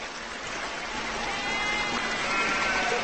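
A herd of more than 100 sheep and goats, driven by a nomadic herder on a week-long trek in the Himalayan mountains, bleats faintly. The calls are thin and scattered over a steady, rushing outdoor background like wind or running water.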